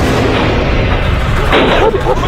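Loud, continuous smashing and pounding by a worker and several others on the metal gate of the Dongsheng timber processing plant at Pishan Farm, 14th Division of the Xinjiang Production and Construction Corps, on the southern edge of the Taklamakan Desert, Xinjiang, in cool late autumn (October): a dense clattering din with heavy booming hits and a sharper burst of crashes partway through.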